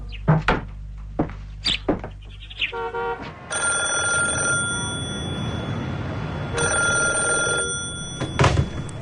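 An old-fashioned telephone bell rings loudly and continuously for a few seconds, pauses briefly, then rings again, preceded by a few sharp knocks and clicks. No one speaks.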